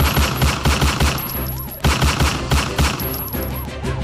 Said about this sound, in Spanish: Esto desató un intenso intercambio de disparos que puso a correr a comerciantes y peatones que estaban allí por el lugar.